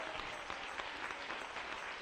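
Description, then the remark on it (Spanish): Sustained applause from a crowd at a Christian sermon, given to the King (Christ): a dense, even wash of many hands clapping at once with no pauses, steady and moderately loud throughout. “Denle un aplauso al Rey.”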